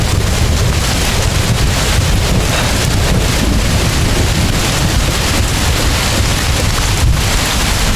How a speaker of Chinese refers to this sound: 怎么突然下雨了呢？我查了天气预报的呀。 天有不测风云吧。